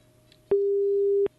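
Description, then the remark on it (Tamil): A telephone busy tone after a call drops: one steady, mid-pitched electronic beep holding for under a second, starting and stopping abruptly with clicks, over a faint low hum. “அவருடைய இணைப்பு கட்டாயிடுச்சு.”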